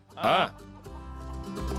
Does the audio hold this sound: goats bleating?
yes